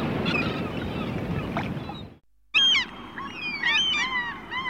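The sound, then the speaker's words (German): Gusty wind and rushing water give way to a burst of gulls screeching, several harsh, rising and falling cries overlapping over a steady seaside background. “Frischer Wind und Möwengeschrei.”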